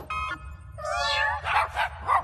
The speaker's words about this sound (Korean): 최근에 개발한 따끈따끈한 발명품이야. 어떻게 생각해? 울음 소리를 바꾸는 이름표야. 야옹 소리는 멍멍 소리로 바뀌어봐.